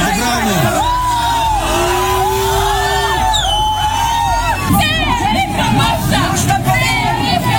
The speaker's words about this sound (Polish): kościół świętego Wawrzyńca otoczyło około 3000 ludzi, by zademonstrować swoje poparcie dla odwołanego księdza